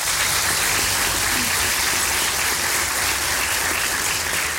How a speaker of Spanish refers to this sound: aplaudir muy fuerte.